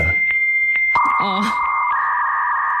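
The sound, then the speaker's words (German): A dial-up modem setting up an internet connection: steady tones, sharp clicks, and a warbling sweep that settles into a loud, continuous screech filling the short clip. “das könnte ja auch sein, dass Sie möglicherweise Ihre Internetverbindung immer noch aufbauen, indem Sie”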